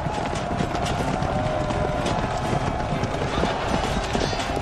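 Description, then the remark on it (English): Many cavalry horses gallop together in a charge, a dense, continuous rumble of hooves with rapid overlapping clip-clops and a steady, fairly loud wash of noise throughout and no voices. “At the last minute, they would lower their lances and break into a gallop.”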